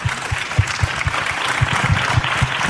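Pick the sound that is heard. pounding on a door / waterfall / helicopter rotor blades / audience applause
audience applause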